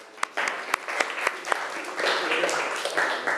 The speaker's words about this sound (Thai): นักเรียนเก่งมากเลยค่ะปรบมือให้ตัวเองหน่อย